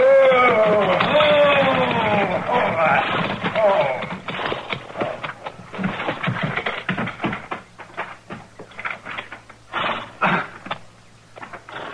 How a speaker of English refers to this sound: There's a wagon pulling into the yard.